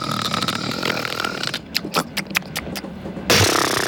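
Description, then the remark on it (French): A voice imitates the loud, rasping snoring of a man asleep on a train: a long rough growl, then a run of short choppy snorts, ending in a harsh blast of breath. “il s'endormirait dans le train parce que les messieurs, souvent, ils s'endorment dans le train et ils ronflent comme pas possible.”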